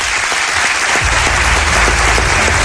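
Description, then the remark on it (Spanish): An audience applauds steadily for a man about to be introduced as a guest, a dense, even wash of many hands clapping at a constant loudness, with a low rumble joining in partway through and no voices heard. “Os pido un aplauso para este señor y ahora lo presento.”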